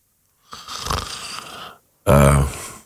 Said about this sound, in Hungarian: Ez a levegővétel már ilyen horkolásszerű volt.